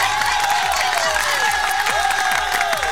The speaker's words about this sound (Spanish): Espectaculares, un aplauso, por favor.